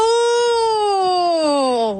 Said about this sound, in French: Oh! On dirait une sirène.